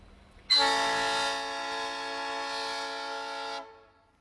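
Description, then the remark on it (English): A train horn sounds one long, loud, steady blast lasting about three seconds, rich and brassy, then cuts off abruptly, with no voices present: a rail motor signalling to a big engine. “That's the rail motor talking to the big engine.”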